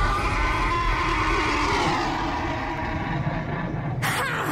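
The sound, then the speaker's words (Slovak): A horse whinnies loudly, its strained, wavering call sliding downward over a thick, rumbling backdrop, ending with a sharp burst of noise. “Tvoj čierny kôň sa stratil ako paračarodejník.”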